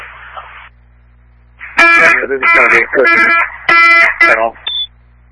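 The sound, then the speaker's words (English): A loud, harsh electronic alarm blares in several repeated bursts, preceded by a short muffled radio-like sound and ending with a brief high beep. “I couldn't copy your traffic over the alarm.”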